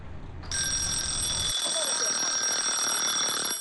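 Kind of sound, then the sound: signal or alarm, timer alarm ringing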